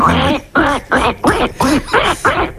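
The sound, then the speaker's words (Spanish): A child's voice imitates a duck, giving about six quick nasal quacks in a steady rhythm, fairly loud, with brief gaps between each call. “Bueno, pues el pato. Hacemos el pato.”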